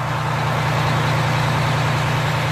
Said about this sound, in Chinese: 大约过了两个小时以后，在江边码头的一片黑压压的库房里，开来了一辆载重货物的带棚卡车。